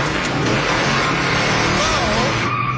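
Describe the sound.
A car engine revs loudly and pulls away in a steady roar of road noise, its pitch rising briefly as it accelerates, with indistinct voices mixed in.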